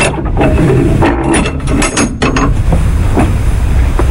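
An ancient monastery door lock clatters with a series of ratcheting mechanical clicks, followed by a low creak of the monastery door, with no voices present.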